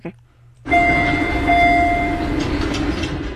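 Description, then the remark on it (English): A red line subway train door chime rings out as sustained, steady tones for over a second, layered over the loud, continuous rumble of the train after a brief quiet opening. “Jeez, that's a red line.”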